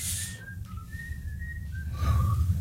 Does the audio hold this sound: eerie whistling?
yes